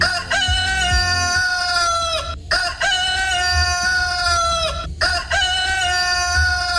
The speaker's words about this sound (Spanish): Bueno, mis amigos, momento de escuchar al Gallo Carmelo.